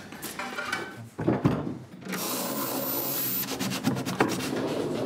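A wooden drawer in an escape room scrapes and slides open once a puzzle is solved, a drawn-out rubbing rumble with a few knocks and clicks as it moves, fairly loud, with no voices.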